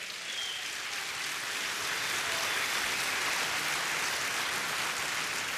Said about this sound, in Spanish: Alguien dé un aplauso al Señor, por favor.